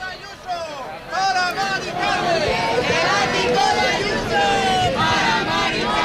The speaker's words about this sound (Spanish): Y empezamos con el sonido, con la referencia a lo que ocurrió ayer en Madrid y en otros lugares de España. Les hablo de la Puerta del Sol. Les hablo de este grito enfadado.